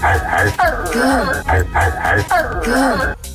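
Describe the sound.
A man's voice imitates a dog barking, giving several loud, drawn-out woofs in a rough rhythm.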